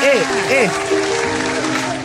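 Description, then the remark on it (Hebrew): Steady hand-clapping applause runs for the full two seconds, with rising and falling vocal whoops and a sustained sung or hummed tone riding over the clapping. “אנחנו מאמינים בעצמנו. כפיים!”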